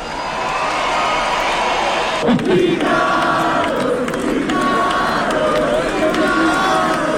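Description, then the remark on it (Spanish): A large audience applauds and cheers loudly for about seven seconds as a musician, guitarist and singer of a band, is introduced on stage, a dense, steady roar of clapping with scattered shouts and whistles rising above it. “Aplausos a granelo.”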